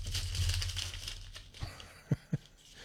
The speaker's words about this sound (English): I'm turning the page if you can hear the crinkling.